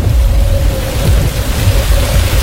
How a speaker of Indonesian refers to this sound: Langit semakin gelap, angin semakin bertiup kencang. Hujan pun turun.